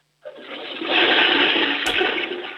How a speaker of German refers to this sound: Boah, das ist aber eine laute Klospülung. Da kann man schon ordentlich groß reinmachen.